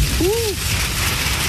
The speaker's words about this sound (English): It's going to just hammer us in a couple of minutes, and hopefully that will bring some relief. All right. Here's the rain.